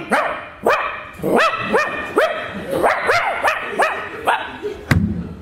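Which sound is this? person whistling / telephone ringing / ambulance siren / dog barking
dog barking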